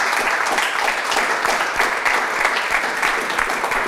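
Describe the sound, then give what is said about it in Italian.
Sustained audience applause in remembrance of coach Piero Carretto, a dense steady patter of many hands clapping at a fairly loud, even level throughout, with no voices standing out. “C'è un applauso a Sì, ricordarlo.”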